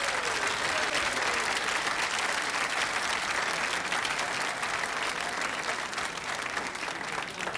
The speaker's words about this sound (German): Ich darf zunächst einmal bitten, mein Gott, um den Applaus für Rot bitten. Jetzt der Applaus für Rot.